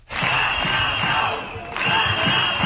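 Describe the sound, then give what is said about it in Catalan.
A large crowd of teachers on strike marching through the centre of Girona during Temps de Flors chants and shouts together in loud, rhythmic bursts, with whistles shrilling above the roar; the noise dips briefly midway before surging again. About 8,000 took part per the USTEC union, 4,500 per police. “Els docents s'han manifestat pel centre de Girona coincidint en temps de flors.”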